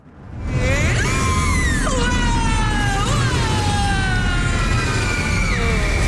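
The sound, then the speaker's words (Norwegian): Loud, drawn-out screaming from a person on a ride at the Tusenfryd amusement park, the pitch swooping up and down over a steady roar of ride and crowd noise. “som skreik I karusellene på Tusenfryd.”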